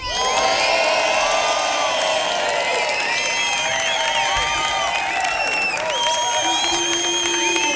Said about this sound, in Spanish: Bueno, ahora vamos a pedir la votación de la gente. Por favor, gritos